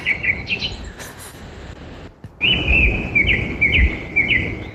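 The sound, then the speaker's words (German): Birds sing outdoors in repeated bright chirping phrases over a steady rustling background, with a brief pause midway before the trilling calls resume, clear. “Nachher noch ein Video mit nebst diesen Vögeln hören wir dann auch Kühe mit den Glocken.”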